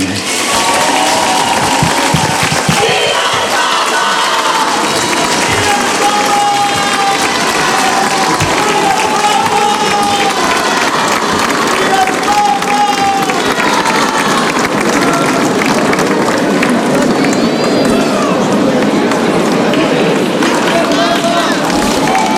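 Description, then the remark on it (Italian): A large crowd of faithful pilgrims cheers and applauds Pope Leo continuously after the Angelus Marian prayer from the Papal Palace at Castel Gandolfo, a dense roar of clapping and raised voices with occasional higher shouts rising above the steady din. “E la sentite la gioia dei fedeli davanti a Papa Leone? Li sentite in sottofondo dopo la preghiera mariana dell'Angelus dal Palazzo Pontificio a Castel Gandolfo.”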